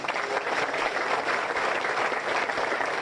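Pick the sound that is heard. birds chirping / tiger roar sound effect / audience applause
audience applause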